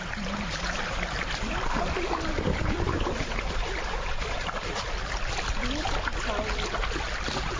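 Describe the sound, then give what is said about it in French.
Steady riverbank ambience at 6 a.m. on the Mbomou River, with water moving and faint knocks and splashes as about ten fishermen set up their dugout canoes holding hooks and nets, plus a few indistinct voices beneath the constant wash. “Ici, une dizaine de pêcheurs installent leurs pirogues dans lesquelles on voit des hameçons, des filets, mais très peu de poissons.”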